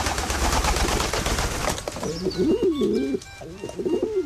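A burst of rustling, fluttering noise gives way to a carrier pigeon's low, rolling coos, several warbling phrases that rise and fall in pitch, with no talking.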